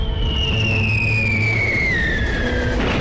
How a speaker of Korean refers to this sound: 앞에서는 포성이 점점 가깝게 들려왔고 자동차 대열은 위험을 무릅쓰고 나무로 전진했다.